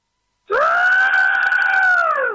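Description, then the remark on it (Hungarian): A voice imitates a pterosaur screech with one loud, sustained, high-pitched shriek lasting about two seconds. The pitch holds steady and dips slightly at the end, with no talk over it. “Jól gondoltuk, hogy ez a madár, ami repül?”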